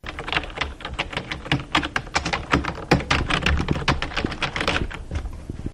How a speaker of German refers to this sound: Erraten? Das war eine Tastatur.